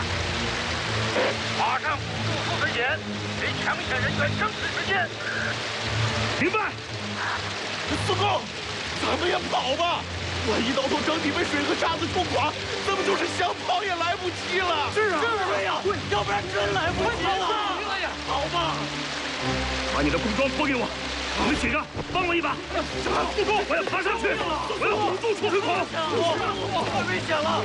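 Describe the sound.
Water and sand gush out fast from two leak points, one of water and one of sand, about one metre above the cutter head of a tunnel boring machine at a Yellow River tunnel site, in a loud, continuous rushing roar as the water rises over the machine's wheels, with voices heard over the torrent.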